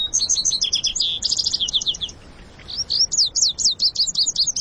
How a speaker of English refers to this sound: And where the lazuli bunting sings, you'll often hear the music of vesper sparrows and western meadowlarks.